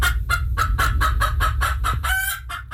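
Chickens cluck in a quick, steady run of short, sharp calls, about ten in under three seconds, fairly loud over a low rumbling background, with no voices.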